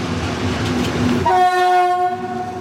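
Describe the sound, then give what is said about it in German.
A class 298 diesel locomotive rumbles past, then sounds a loud, sustained horn with strong harmonic tones lasting over a second. No voices are heard. “Das war meine Prüfungsmaschine damals. Zumindest von der Baureihe her. Das Ding. Genau, der Baureihe 298.”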